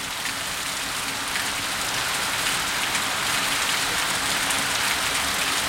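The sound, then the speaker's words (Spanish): Heavy rain pours down steadily in Valparaíso at night, picked up by the Bio Bio radio station's ambient microphones, a dense, continuous hiss of drops hitting surfaces, with no voices and no letup across the whole stretch. “A esta hora llueve bastante fuerte en Valparaíso. Escuchemos los micrófonos ambientales de Bio Bio.”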